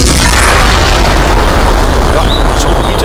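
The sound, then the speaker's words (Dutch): A loud blast from a life-size cannon, a First World War memorial, rolls into a heavy, sustained rumble and roar lasting several seconds, with a faint thin whistle rising near the end as the ball tears through the National Gallery. “Er staat een kogel in. Ja, moet je kijken, die kogel die knettert dwars door de National Gallery heen, zeg.”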